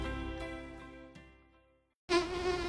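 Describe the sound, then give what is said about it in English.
A mosquito's high, droning whine hovers, slowly fades away to near silence, then suddenly buzzes back loud. “locally owned Mosquito Mike provides consistent, reliable mosquito and tick service done right”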